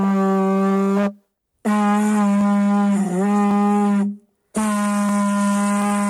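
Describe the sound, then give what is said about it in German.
A hollow stone, blown through a small hole, sounds three long, steady, low horn-like blasts, rich in buzzing overtones, separated by short silences; the middle blast wavers briefly in pitch. “Dabei werden Steine oder hohle Felsblöcke durch ein kleines Loch angeblasen. Das klingt dann wie das Schneckenhorn, eine Naturtrompete aus dem Meer.”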